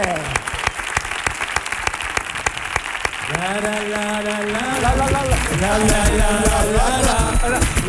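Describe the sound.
Dense, loud applause on Canal Sur Radio for a four-member music group, rapid overlapping claps running throughout, while a raised voice begins speaking over it about halfway through.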